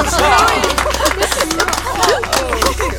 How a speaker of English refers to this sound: A great cheer went up from the gathering.